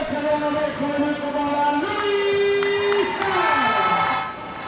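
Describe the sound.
A large handball crowd rises to its feet, cheering loudly and continuously early in the second half of a match, with sustained chanting voices rising and falling in pitch and a steady roar filling the space for the whole stretch.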